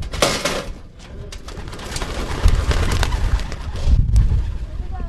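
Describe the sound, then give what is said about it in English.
A burst of wing flapping as a flock of racing pigeons is released together from two boxes in the back of a pickup truck for a quick practice lap, dense fluttering and clattering wings, with low rumbling movement and some cooing mixed in. “before long, it was time to give some of the pigeons a quick practice lap.”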